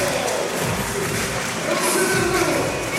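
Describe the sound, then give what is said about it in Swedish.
A large crowd in the exhibition hall in Brno cheers and roars steadily for about three seconds after a Czech block in an evening women's volleyball match between Czechia and Sweden, fans raising paper signs reading 'block'; a dense, loud wash of voices with bright whoops and shouts rising through it, swelling slightly toward the end. “Och publiken är igång, upp med skyltar.”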